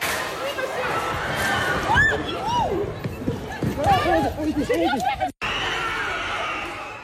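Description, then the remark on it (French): A protest crowd being broken up by CRS riot police charging protesters in central Paris, France: a loud, continuous roar of commotion with many overlapping shouts and rising yells, then a sudden brief cut before the din resumes. “Ouais, plusieurs vidéos dans plusieurs villes montrent les CRS qui tentent de disperser, comme ici dans le centre de Paris.”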